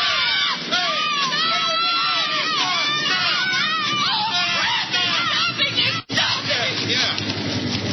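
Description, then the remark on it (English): A group of people yells and shouts together loudly and continuously to flag down an approaching car, overlapping voices rising and falling with excited cries, briefly cutting out for a moment near the end. “Really yell it out now.”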